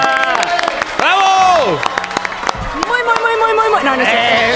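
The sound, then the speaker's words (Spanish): A studio audience bursts into loud, sustained applause welcoming a guest to the show's table, steady clapping mixed with rising cheers and high whoops from many voices throughout. “¡No, aplauso!”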